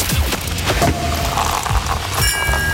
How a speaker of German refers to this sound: Und es gilt natürlich die ganze Woche immer, wenn ihr Nymphenburg-Sekt hört. Also beziehungsweise, wenn Nymphenburg-Sekt die Korken knallen lässt.